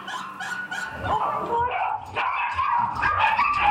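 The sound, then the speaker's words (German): A dog with a behavioural disorder barks frantically and nonstop, a dense run of sharp, high yapping barks mixed with whiny yips, loud throughout. “Hysterisch. Und das ist auf jeden Fall schon eine Verhaltensstörung, was der Hund macht.”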